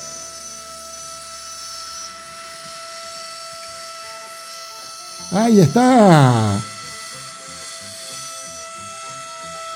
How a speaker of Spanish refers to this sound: La humareda que larga la trochita a tener vapor, que parte desde Nahuel Pan, se vuelve a Esquel.